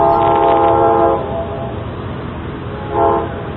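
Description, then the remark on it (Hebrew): A train horn sounds a long blast, then a shorter one a couple of seconds later, loud over the steady low rumble of a train at a station, as a train to Haifa is due to depart from platform 1. “רכבת לחיפה תצא מרציף מספר 1.”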